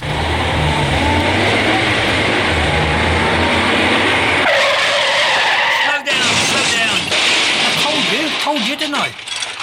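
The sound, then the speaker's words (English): A car skids loudly to a halt on a lonely road, a long harsh tire screech over engine rumble, followed by a short bump and some voices talking over idling noise. “What are we stopping on this lonely road for?”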